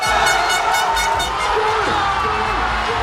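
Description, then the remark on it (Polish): A dense, steady roar of football fans cheering in the streets of Spanish cities after the only goal of the World Cup final against the Netherlands, scored by Iniesta, with whoops and shouts rising out of the din and a few wavering horn-like tones sliding through in the second half. “Eksplozja radości na ulicach hiszpańskich miast po jedynej bramce w finale mundialu przeciwko Holandii wsiąkła w serce kibica reprezentacji”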